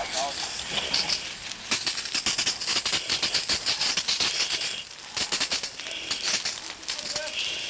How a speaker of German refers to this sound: 7,5 Minuten nach dem Notruf beginnt Pille zu löschen